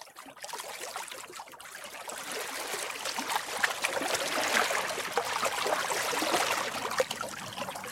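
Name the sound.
creek water trickling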